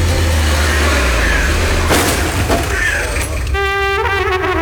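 A car engine rumbles and revs steadily while the car is being parked, with a couple of sharp knocks midway and a brief harmonic tone rising in near the end. There is no speech.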